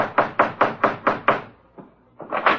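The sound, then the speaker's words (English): The Falcon, Charlie and Vince knock on a door in the adventures of the Falcon: six quick, evenly spaced raps, a brief pause with a faint tap, then another cluster of knocks. Fairly loud, with no voices. “Now we find the Falcon, Charlie, and Vince knocking on the door of the snake in his own personal Garden of Eden.”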